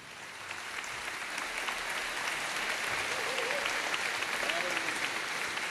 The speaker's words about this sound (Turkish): Ve efendim, bu şahane orkestrayı bir kez daha alkışlamaya ne dersiniz?